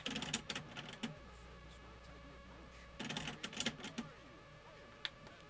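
Mechanical clicking from a tape player's mechanism after a button is pressed, two bursts of rapid ticks about three seconds apart over a low motor hum, fairly quiet, with no talking.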